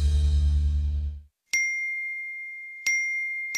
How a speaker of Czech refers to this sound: Čekaj, čekaj, eksplodirat će mi telefon. Svi mi nešto javljaju.